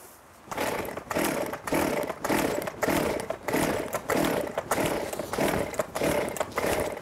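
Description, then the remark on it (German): A fuelled chainsaw in the woods is cranked over and over without catching, a rapid series of about ten loud, rasping pull bursts in a steady rhythm, with no speech. “Seitdem sage ich immer, mach einmal die Säge an, guck, dass sie auch anspringt.”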